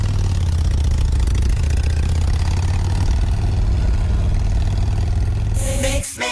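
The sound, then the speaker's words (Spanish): A motorcycle engine idles with a loud, steady low rumble that holds for several seconds, then cuts off abruptly with a brief burst of noise. “y de esta subasta de más de 70 motocicletas.”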